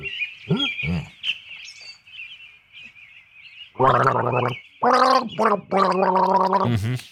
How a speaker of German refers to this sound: Darf ich eine Werbung auch gurgeln oder ist das verboten?